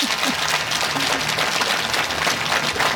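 An audience claps steadily for a guest who has come to speak, a dense wash of many hands at an even, fairly loud level for the whole stretch, with no voices on top.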